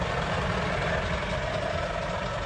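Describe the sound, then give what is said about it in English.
A heavy truck engine rumbles steadily with a deep, continuous drone and a broad wash of road noise on the Mahi Mahi Road, the long, winding truck route from Nairobi to Naivasha around Kenya's Great Rift Valley, holding an even, fairly loud level throughout with no voices. “I'm on the Mahi Mahi Road, which is the long, winding truck route from Nairobi to Naivasha that curves around the Great Rift Valley.”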